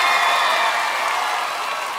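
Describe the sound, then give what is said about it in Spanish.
Loud, sustained applause from a crowd, a dense wash of clapping that holds steady throughout and eases off slightly toward the end, with no voices standing out. “aplauso fuerte”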